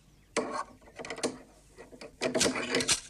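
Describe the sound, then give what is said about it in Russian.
A caretaker hangs a padlock on a small door under a stand and snaps it shut, with short bursts of metallic clicking and rattling, a brief clatter, then a longer jangle of metal against wood. “Завхоз вешает навесной замок на дверке под трибуной, забирает портфель и уходит.”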